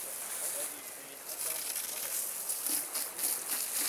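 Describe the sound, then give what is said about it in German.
A steady, hissing spray of water from a hose runs continuously, bright and rushing, with faint voices murmuring underneath, as Asian elephants are bathed with the hose. “Durch diese Schlauchgespritze kann man die hier relativ gut animieren.”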